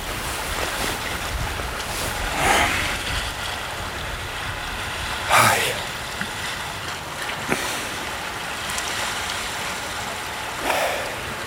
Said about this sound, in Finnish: kyllä tää esimerkiksi tää paikka missä nyt ollaan niin kyllä tommonen niinku tasainen aaltojen murtuminen rantaan, niin sehän on semmoista niinku aika hypnoottista. Niinku melkein parempi kuin hiljaisuus, kun on semmoista jotain pientä luonnon ääntä.